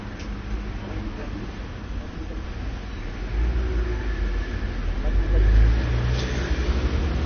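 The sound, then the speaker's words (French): A delivery rider's moped (rider in a helmet and butcher's apron, returning from a delivery) passes through busy street traffic, coming from rue du Four and heading back into rue de Bussy, its engine hum swelling as it approaches midway and lingering over a steady low rumble of surrounding vehicles. “Le livreur en mobilette avec son casque et son tablier de boucher revient après avoir effectué sa livraison, venant de la rue du Four, retourne en rue de Bussy.”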